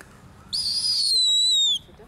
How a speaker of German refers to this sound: Guck mal, kann sogar noch piepen, obwohl er eine Maus im Schnabel hat.